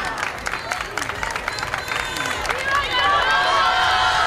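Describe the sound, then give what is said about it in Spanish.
Steady crowd applause with dense clapping and scattered cheers, swelling louder toward the end, with voices mixed into the noise, as Pope Leo XIV steps out of his car and is received at the entrance of the Congress of Deputies by its president, Francina Armengol. “Aquests són els aplaudiments.”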